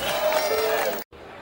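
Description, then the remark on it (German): A brief burst of audience applause with crowd murmur mixed in, dense and fairly loud, then cut off abruptly after about a second, leaving a quieter room tone. “applaus der Geiger.”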